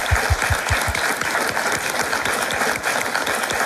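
A live audience at the château de Lavourie de Antine applauds steadily, a dense wash of many hands clapping at once, loud and sustained throughout, with a few sharper individual claps standing out at the start.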